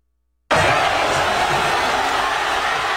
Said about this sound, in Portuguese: Por exemplo, olha só como foi a comemoração da torcida espanhola em Madrid.